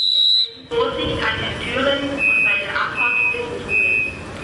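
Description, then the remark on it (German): A high, shrill departure whistle of a Saarbahn train sounds briefly, then a series of short, evenly spaced beeps rings out over busy station noise with a voice in the background. “Nichts mehr mit Abfahrt. Die Saarbahn-Lokführer, die streiken erneut heute ab 12 Uhr.”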